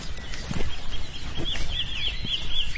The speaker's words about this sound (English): You got the chiff-chiff over there? … points out the birds as I fail to recognise their songs. The wren, isn't it?